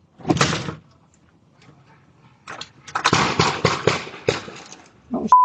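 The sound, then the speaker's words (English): Five gunshots ring out in the distance in rapid succession, packed into just over a second, captured by a nearby home's doorbell camera at 7:17 a.m., after an earlier single thud and before a short electronic beep at the end. “You can hear five shots fired in just over a second in the distance.”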